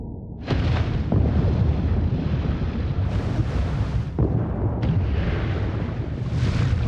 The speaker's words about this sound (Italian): Tutti cercano di andare più in profondità, sperando di sfuggire al rumore. Ma è inutile. A 1000 metri di profondità, la madre ha sentito le esplosioni.